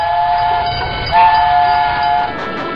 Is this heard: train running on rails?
yes